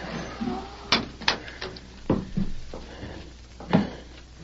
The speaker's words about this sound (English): Then on the wooden porch sounded soft footfalls and the faint but unmistakable thump of a wooden leg.